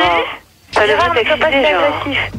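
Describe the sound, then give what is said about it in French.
A radio plays behind a participant during a debate, carrying a talking voice with a slightly thin, broadcast quality. The speech pauses briefly, then resumes continuously at moderate volume. “Alors celui qui a la radio derrière, il arrête.”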